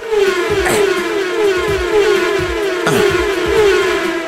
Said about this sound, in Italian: E poi il fatto che ogni volta che sposti la freccetta del mouse, fa il suono della macchina che passa.